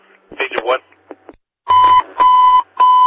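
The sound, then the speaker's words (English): A brief radio voice, then an emergency dispatch alert bell rings in three loud, sustained electronic bursts, each a steady high tone separated by short gaps. “Life Force 26, bell's ringing, show you en route.”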